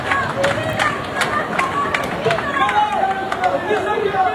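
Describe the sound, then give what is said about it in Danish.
A large crowd of demonstrators in Ceuta, Spain shouts and chants together in a dense, continuous roar of many voices, with sharp individual cries and whistles rising above the steady babble throughout. “hvor du har optaget lyd og billeder af en stor flok mennesker, som står og råb, eller som stod og råbte og demonstrerede i Ceuta.”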